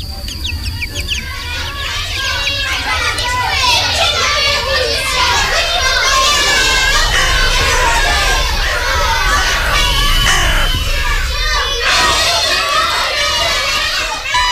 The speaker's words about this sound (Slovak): Pred nedostaveným domom s číslom 233 na okraji Štálov sa hrajú deti.